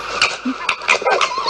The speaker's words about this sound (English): Now that sounds like a dog. It's a fox. Fox. Yeah, because of course it's a fox.